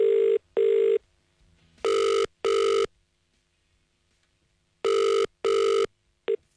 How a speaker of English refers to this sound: So it is time to ring our next caller. Let's hope they answer the phone correctly.